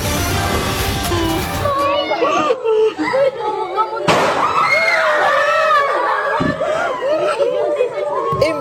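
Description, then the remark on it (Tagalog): A few sharp, loud bangs of successive gunshots, fired by students at San Jose National High School in Tacloban City, Leyte, Philippines, ring out amid a teacher's voice and a crowd of agitated voices, with shouting and crying rising and echoing. “Boses ng nagtuturo na guro, sunod-sunod na putok ng baril ang umalingaw-ngaw sa San Jose National High School sa Tacloban City sa Leyte.”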